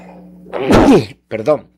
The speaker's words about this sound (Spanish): Perdón. Le ruego disculpe, me ganó las ganas de estornudar. Estos cambios de temperatura.